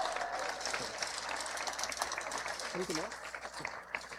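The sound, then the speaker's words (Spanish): An audience applauds steadily for about four seconds, a dense, even patter of many hands clapping, with a brief murmur of voices rising partway through, as Raquel Cibel Rivas, Director General of the Board for the Protection and Conservation of Monuments and Typical Zones of Zacatecas State, is introduced. “Un aplauso, por favor, para ella.”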